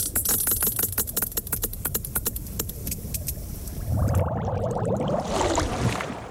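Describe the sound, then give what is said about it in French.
Sperm whale echolocation clicks, produced with the organ called the monkey muzzle at the front of its skull: a rapid, slightly irregular train of sharp, crisp clicks over a low rumbling wash, giving way after about four seconds to a murkier, warbling underwater drone. “La deuxième narine, entre guillemets, a évolué pour devenir un organe que l'on appelle museau de singe, avec lequel il produit les clics, caractéristiques de son espèce.”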